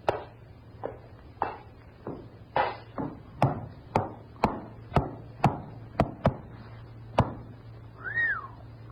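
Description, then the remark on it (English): A horse's hooves clop on a hard floor in an even walking rhythm as it is led in through a door from outside, about fifteen sharp hollow knocks, over a low steady hum, ending with a brief high-pitched cry. “I have got a horse out here. Bring him in.”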